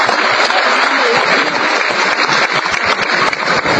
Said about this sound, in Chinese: 我没戏，虽然我没戏，但人郭德纲有戏，听听郭德纲的慢头。 好，掌声有请。